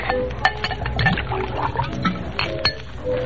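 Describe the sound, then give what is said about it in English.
Liquid pours steadily from a bottle into a glass for a few seconds, with a couple of light glassy clinks near the start and end, fairly quiet, with no one speaking. “Pour yourself a drink.”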